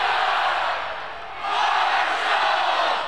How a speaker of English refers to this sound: The Thunder Walk, the tailgates, the roar of the crowd, 30,000 strong cheering on the thundering herd, and it's almost game day.